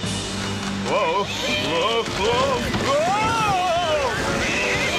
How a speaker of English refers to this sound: First came thunder and lightning. Then the winds began to howl, followed by sheets of driving rain, bringing on a raging flood.